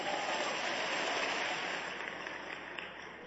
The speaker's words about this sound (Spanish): ¿Habrá alguien que le dé aplausos a Él?